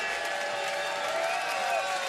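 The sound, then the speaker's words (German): A concert audience at the town festival in Wiener Neustadt, Lower Austria, screams and cheers steadily for an encore for two seconds, a dense wash of high, overlapping voices with shrill tones drifting above, holding an even loudness throughout. “Wir haben drei Leute schreien gehört.”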